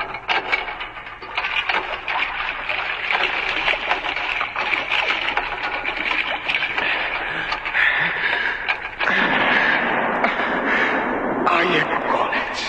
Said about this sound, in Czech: Poplašných výstřelů vypálili ještě několik, až se pro ně skutečně jedna loď odvážila.